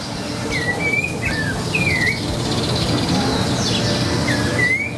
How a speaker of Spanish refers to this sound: Nah, pero un pajarito. Un pajarito, dale. Es la naturaleza. Dale, ¿qué querés? Empieza a cantar a las 4 de la mañana.